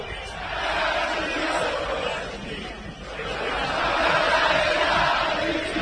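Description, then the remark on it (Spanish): A large football stadium crowd of Boca fans chants and roars together in a dense, continuous wall of voices at the end of a match against Estudiantes de La Plata, swelling louder, dipping briefly near the middle, then rising again and holding strong to the end. “Escucha a la gente de Boca.”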